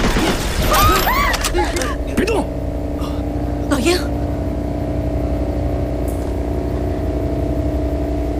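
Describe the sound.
A few sharp gunshots fired at a tiger crack out in quick succession amid agitated voices, then the scene settles into a steady low mechanical hum with occasional bangs.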